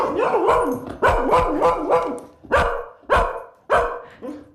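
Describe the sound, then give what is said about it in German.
A recording of a dog barking is played: repeated quick, loud bursts, about seven or eight sharp barks, with short pauses between the later ones and no voices. “Dann ist eure Katze jetzt möglicherweise irritiert und euer Hund horcht auf.”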